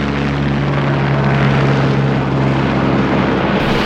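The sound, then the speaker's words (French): A passenger-carrying flying taxi aircraft in flight during a test in New York, United States. Its rotors give off a loud, steady whirring roar with a constant low humming drone underneath, unbroken for the whole stretch and with no voices. “Un taxi volant vient d'être testé à New York, aux États-Unis.”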